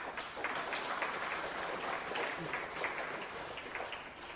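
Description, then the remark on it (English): A crowd claps steadily for several seconds, a dense, even patter of many hands that holds at a fairly constant level throughout with no voices breaking through. “So we want to make one people clap.”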